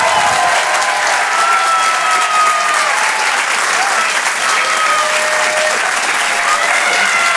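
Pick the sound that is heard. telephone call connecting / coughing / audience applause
audience applause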